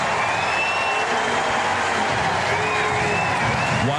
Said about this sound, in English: Not a big crowd. They were vocal for Jordan Walker in his first game since winning the home run derby.